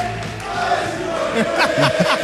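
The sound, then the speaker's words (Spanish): A large stadium crowd roars and chants together, a dense, steady wall of many voices with rhythmic surges of shouting toward the end. “Mira, todo el estadio.”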